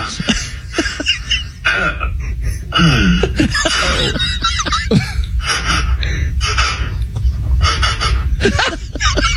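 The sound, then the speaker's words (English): A person playing a horse character named Edward the Horse imitates a horse with a run of breathy snorts, huffs and gasping vocal bursts, including a wavering whinny-like sweep partway through, fairly loud and continuous. “Just make like horse noises.”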